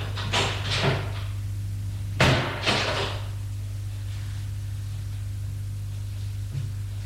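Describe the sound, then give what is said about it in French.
A door creaks and clatters open in a few quick bursts as a maid enters after a knock, followed by a softer knock, all over a steady low electrical hum. “Et on rentre.”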